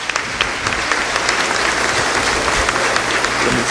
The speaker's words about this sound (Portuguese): Uma salva de palmas.